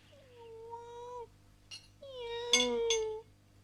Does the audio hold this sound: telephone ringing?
no